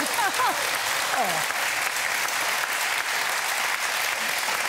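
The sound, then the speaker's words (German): Loud, sustained applause from a TV studio audience welcoming two studio contestants, a dense steady roar of clapping lasting the whole stretch, with a few brief voices calling out over it near the start. “So, und jetzt zeigt das Publikum mal hier im Studio, wie ausdauernd und laut Sie sein können, wenn wir unsere Studiokandidaten begrüßen.”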